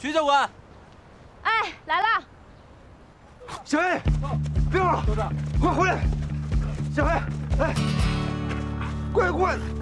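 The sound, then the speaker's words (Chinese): A dog barks repeatedly in sharp bursts during a dog-training session, sparse at first and then more rapid, while a steady low hum or music bed comes in partway through and continues underneath. “好，大家带着自己的犬去训练吧。”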